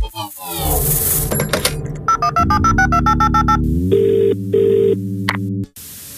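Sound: telephone ringing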